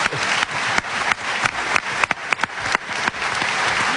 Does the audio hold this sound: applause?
yes